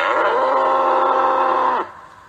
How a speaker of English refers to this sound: It's a bull. It's not that friendly of a cow. That's a bull. He sounded mad. This one did feature a very irate bull.